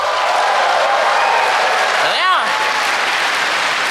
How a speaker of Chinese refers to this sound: 这就是现场麦克风 check one two， 这就是 freestyle， 各位给我一点欢呼。